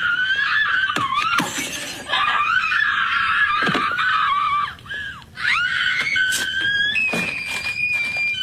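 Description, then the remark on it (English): A woman screams loudly and almost continuously, her shrill voice wavering and breaking, with brief gasps between cries and sharp crashing noises mixed in; audio from a scene of the movie Mean Girls, played over a video recreating that scene. “The problem is, nobody remembers that particular scene, so it just looks like this lady is screaming because she put the audio from the movie over this.”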